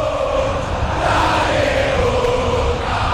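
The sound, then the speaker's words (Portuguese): Boca Juniors fans cheer and chant steadily at the Bombonera during a football match against Vasco, a dense, continuous roar of many voices with a sustained tonal hum of singing running through it, loud throughout. “ouça a torcida vida do Boca Juniors.”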